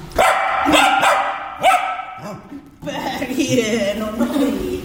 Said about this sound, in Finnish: No siinä kuultiin oikein ääninäytettä koiraltakin loppuun.